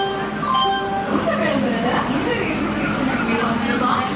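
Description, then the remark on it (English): A steam train rumbles and chuffs steadily as it pulls into Metupalayam, with a brief tonal whistle-like sound at the start and a hubbub of voices blended into the busy, fairly loud scene. “finally huffs and puffs into Metupalayam.”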